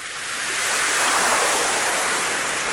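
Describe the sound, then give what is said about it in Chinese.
Rough sea waves, a once-calm sea turning stormy, surge in a loud, continuous roar of churning water, swelling to a peak midway and then easing slightly, with no voices present. “渔夫低着头走向大海，平静的海面变得波涛汹涌起来。”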